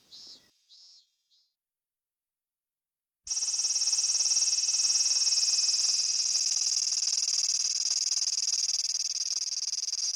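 A Minminzemi cicada sings: a few short high chirps, a brief pause, then a loud, sustained shrill buzz that drones on steadily to the end without letting up.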